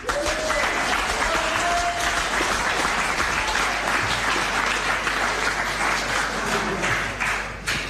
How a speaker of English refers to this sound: Everyone, please, a round of applause for Kingston Poharama.